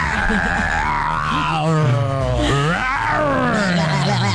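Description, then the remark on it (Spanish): A person does a loud, drawn-out imitation of an animal roar, a growling voice that rises and falls in pitch for several seconds, with no talking over it. “Te toca a ti tu rugido.”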